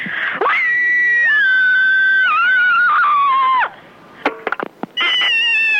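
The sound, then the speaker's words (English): A person lets out a loud, shrill scream to vent aggression, held for about three seconds with a wavering, slowly falling pitch, followed by a few short sharp cries and another high scream. “There's nothing like a good scream to get your aggressions out, and I am particularly one of those people who needs to ventilate quite regularly.”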